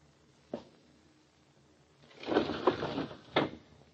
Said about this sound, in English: Anything else you want of me besides opening this window, Uncle?